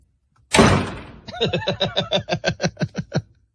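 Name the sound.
knocking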